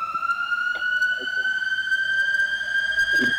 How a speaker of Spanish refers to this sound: sino acá vivimos bastante sobresaltados. Yo cuando escucho la sirena ya estoy media aterrorizada, ¿viste?